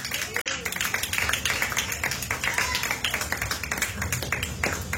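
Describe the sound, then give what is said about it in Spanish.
An audience claps their hands loudly and steadily for several seconds as an offering of strong applause to God, a dense, continuous patter of many hands, with voices mixed into the crowd noise. “Dale una ofrenda de palmas fuertes a nuestro Dios.”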